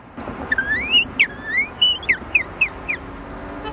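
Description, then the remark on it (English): A man whistles an imitation of a northern cardinal: a couple of long rising slurs, then a rhythmic run of five or six short, sharp downslurred notes, clear over faint background hiss. “The northern cardinal.”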